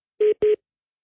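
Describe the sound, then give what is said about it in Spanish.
Two short, steady electronic tones from telephone dialing sound in quick succession, each lasting a fraction of a second, clear and fairly loud with no voices, then silence. “Ya lo tengo en la línea. Ah, sí, a ver. Teléfono, aguántame tantito, espérame.”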